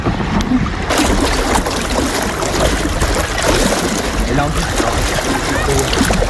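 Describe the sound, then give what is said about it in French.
Steady, loud rush of water streaming past the hull of a moving sailboat, a continuous hissing wash with splashy churning throughout, with faint voices underneath; mostly water noise, with little wind noise. “Il n'y a que le bruit de l'eau, il n'y a pas tant le bruit du vent, mais quand les deux sont combinés, qu'on sent le vent souffler dans les oreilles, le gouvernail qui est un peu dur à manœuvrer avec toute l'eau qui est traînée derrière”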